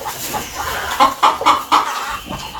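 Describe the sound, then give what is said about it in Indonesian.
A rooster, lined up with other chickens in a yard, clucks in a quick series of short bursts, roughly four in a row near the middle, over steady farmyard background noise, with no talking. “Kepada ayam jantan 01, mana laporan jumlah telur seminggu ini?”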